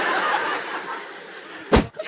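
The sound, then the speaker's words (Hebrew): A single sharp, explosive sneeze bursts out near the end, loud, following a stretch of breathy, hissing snickering. “היה אפצ'י רבותיי, אני שמעתי אפצ'י.”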